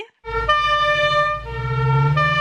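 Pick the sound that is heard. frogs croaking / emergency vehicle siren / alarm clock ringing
emergency vehicle siren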